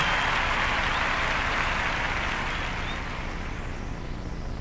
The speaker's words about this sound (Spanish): aplauso. Poppy Espatoco, la Filarmónica de Mendoza.